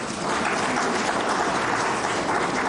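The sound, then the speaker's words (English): A crowd in a hall applauds the Namibian government's efforts in supplying tractors, plows and planting equipment, many hands clapping in a dense, even wash of sound that stays loud and constant with no voices rising above it. “Give a round of applause for the efforts of the government.”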